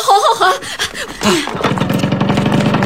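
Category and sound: vehicle, motorcycle engine running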